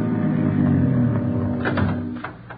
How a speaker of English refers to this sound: A minute later, Ben and the others pulled up in the car.